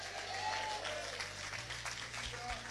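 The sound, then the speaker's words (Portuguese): A church audience joyfully claps for Jesus during an evening service, a dense, steady wash of applause that holds for the full few seconds, with a low tonal hum and faint voices underneath. “Com palmas para Jesus, bem alegre.”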